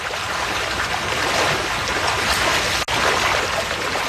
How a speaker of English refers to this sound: As he prepares the evening feed, fish begins splashing through the raceways.